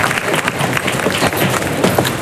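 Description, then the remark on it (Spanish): Purebred Spanish horses file out of the bullring one after another, passing through the patio de cuadrillas. Their hooves make a dense, irregular patter of clops over a continuous roar of crowd noise that stays loud throughout. “Y ahora uno tras otro en fila se dirigen a abandonar el ruedo, pasan por el interior del patio de cuadrilla.”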